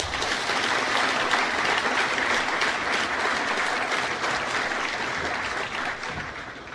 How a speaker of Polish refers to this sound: Ale szczególnie gorąco witam najważniejszych uczestników naszej dzisiejszej uroczystości. Nowych studentów Politechniki, którzy zostaną dzisiaj imatrykulowani w państwa obecności. Poproszę o gromkie brawa dla wszystkich.